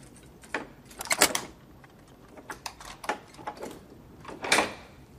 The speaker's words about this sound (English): He fits the key into the lock and twists it.